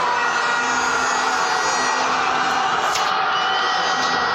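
Recorded from the balcony of a home, a large crowd roars and cheers after the first goal, a dense, steady wall of noise that holds at full strength for several seconds without any break.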